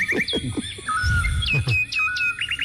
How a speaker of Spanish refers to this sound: 7 de la mañana. Los pajaritos se despiertan.